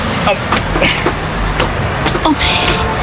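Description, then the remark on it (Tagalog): Steady, loud roar of street traffic at a crossing where the traffic light is broken, cars and buses rumbling past all at once, engine noise and brief hissy bursts rising and falling, with indistinct voices mixed into the din. “Tungkol na sinibay-sibay lang mga salakyan. Guba ang traffic light.”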